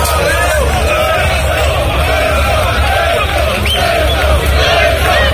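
A large crowd shouts and chants together in support of the president of the government, Pedro Sánchez, during intermittent rain. It is a dense, continuous roar of many voices that stays loud and steady throughout, with no single voice standing out.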